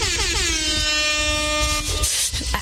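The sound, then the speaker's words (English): A loud, sustained air horn blast with a slightly falling pitch, bright and harmonic, lasting nearly three seconds before cutting off, with a rumbling low background underneath. “The air horn is going to air horn.”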